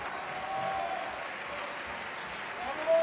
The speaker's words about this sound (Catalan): clarament, el més ovacionat de la nit. Exacte, amb uns bravos que el públic no es cansa de repetir.